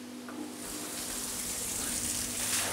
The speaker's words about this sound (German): Vor allem, wenn mal ein Schlauch daneben spritzt.